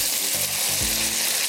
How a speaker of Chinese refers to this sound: 牛肉块放进去呢，稍微把它煎一下。